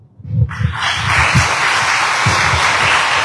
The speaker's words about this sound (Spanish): Muchas gracias, licenciada. Fuertes los aplausos.